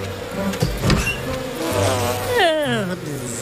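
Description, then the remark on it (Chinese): Honeybees buzz as they are settled into a new hive, a steady droning hum whose pitch wavers and glides downward near the end, with a few soft knocks early on and no talking. “蜜蜂会喜欢他们甜甜的新家的。”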